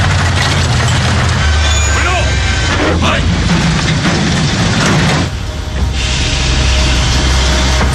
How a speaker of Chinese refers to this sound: 车好像停了。 马原往车外看了看，发现是日本鬼子逼停了火车。